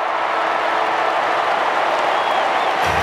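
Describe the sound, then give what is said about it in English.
A packed stadium crowd at a football match erupts in a dense, sustained roar of cheering and applause as the final siren sounds on the Dockers' win over the Swans, loud and unbroken for the full three seconds with no distinct voices standing out. “Warner trying to put a tackle on Cox, but the siren is going to sound. Cue the delirium. The purple explosion.”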